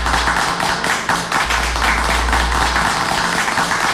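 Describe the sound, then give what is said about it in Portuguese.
An applause sound effect played for a birthday greeting: a dense wash of crowd applause, many hands clapping at once in a steady, loud roar without pause, with a low hum underneath and no voices. “Patos, aplausos, aplausos, aplausos.”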